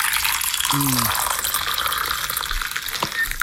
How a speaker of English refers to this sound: Now, was that a clip of someone pouring a coffee or someone peeing into a toilet? That's a coffee.